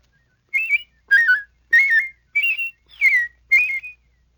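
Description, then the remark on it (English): A person whistles an imitation of a robin's song, a la-la whistle at different pitches: six short, clear warbling phrases of rising and falling pitch, evenly spaced with brief pauses, fairly loud with no talking. “By producing your la-la whistle at different pitches, you can imitate a robin.”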